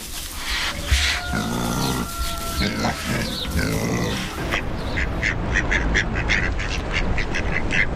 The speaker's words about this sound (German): Es ist eine Ente.